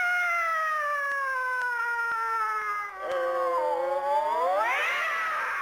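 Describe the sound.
A long, wavering yowl like fighting cats, probably a human voice imitating them: one loud, continuous cry that slides slowly downward, then swoops up at the end, with no other talk. Part of the Chinese crosstalk (xiangsheng) performance 'Fenhe Wan' by Hou Baolin and Guo Qiru.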